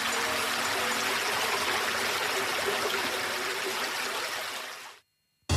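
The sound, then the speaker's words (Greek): A steady rush of flowing stream water with a bright, hissing texture, continuous for about five seconds before cutting off abruptly into silence, in an advertisement for Apolonio natural bottled water. No voices. “Νερό της φύσης.”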